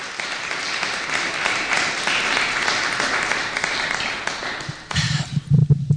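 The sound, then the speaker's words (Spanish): A church audience applauds the Lord in a steady, dense wash of clapping for about five seconds, then it cuts off and a voice begins speaking. “¿Se merece un aplauso del Señor, por favor? Fuerte, por favor.”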